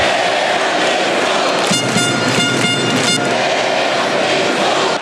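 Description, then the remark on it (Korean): A loud, dense crowd of South Korea fans at the Guadalajara stadium during the first match against the Czech Republic roars continuously, doing the wave, and a rhythmic burst of 'Daehan Minguk' chanting with horn-like tones rises briefly in the middle before the cheering settles back into a steady wash. “경기장은 온통 붉은색으로 물들었고 관중석에선 파도타기 응원과 함께 대한민국이 울려 퍼졌습니다.”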